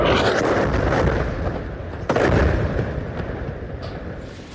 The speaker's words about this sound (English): Well, this explosion ripping through a building in central Gaza, people said an Israeli strike hit this property when its owners were warned to leave the area.